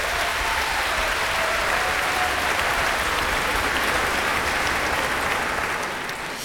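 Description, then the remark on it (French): A large audience in an auditorium applauds steadily for the orchestra's eldest member, a violinist, with dense clapping at a constant loud level for several seconds before easing slightly at the end. “notre doyen, qui peut aussi se faire applaudir ce soir au violon.”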